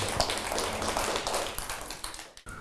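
A group of children clap their hands in brisk, uneven applause, close by and fairly loud, for about two seconds before it stops abruptly.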